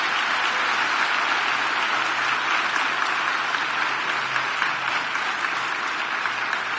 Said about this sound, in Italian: Facciamo un altro grande applauso a questa ragazza.